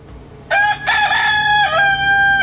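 A rooster crows once, a loud, strained cock-a-doodle-doo lasting about two seconds, with a brief break early on and a sustained harmonic call that trails off abruptly.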